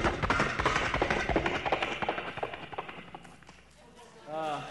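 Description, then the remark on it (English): A voice imitates galloping horses with rapid, rhythmic clip-clop clicks from the mouth, loud, slowing and fading after a few seconds before a brief spoken voice at the end. “I do vocal sound effects, vocal interpretations, sounds from right in my vocal box right here itself. The sounds such as horses galloping.”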